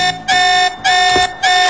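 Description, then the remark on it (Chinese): A loud electronic alarm rings in three quick, evenly spaced blasts, each a bright, harsh buzzing tone with short gaps between, alone with no voices. “不好，是警报！”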